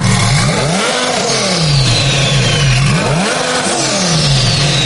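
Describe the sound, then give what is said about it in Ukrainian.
A loud car engine with a straight-pipe exhaust revs repeatedly, pitch climbing and dropping in several rising bursts over about five seconds, with no one speaking. “Саме так звучить прямоток.”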